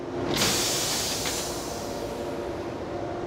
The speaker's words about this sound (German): Jetzt beim Kuppeln geht vom alten Zug das Zugschluss aus und das Zugspitzensignal von der zweiten Hälfte ebenfalls.